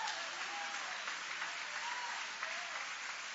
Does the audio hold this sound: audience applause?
yes